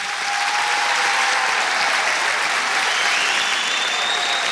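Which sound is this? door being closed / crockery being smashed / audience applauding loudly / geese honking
audience applauding loudly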